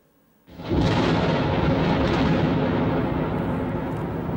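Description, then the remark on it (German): A sudden loud crack of thunder bursts in after a brief quiet moment, then rolls on as a heavy, sustained rumble that stays strong and slowly fades, with no voices present. “Nun, man zählt die Sekunden, die zwischen Blitz und Donner vergehen.”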